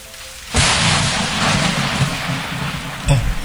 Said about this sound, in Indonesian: Namun perjuangan belum selesai. Hujan kembali turun dan hampir merusak jembatan yang sedang dibangun.